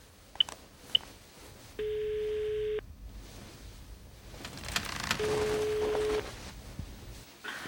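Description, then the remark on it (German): A number being dialed on a mobile phone by a man seated behind the wheel of his vehicle: a couple of short clicks, then a sustained keypad tone followed by a steady ringing tone on the line, fairly clear with no talking. “Petri-Kirche und eilte zu seinem Fahrzeug, setzte sich hinters Steuer, zog sein Handy aus der Tasche und wählte eine Nummer.”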